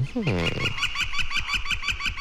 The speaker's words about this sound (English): Page 104, red-shafted flicker.